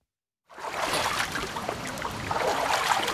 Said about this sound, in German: So klingt es normalerweise beim Wassertreten an der Kneippanlage am Tannenbaum in Bad Wörishofen, wenn das Becken gut gefüllt ist.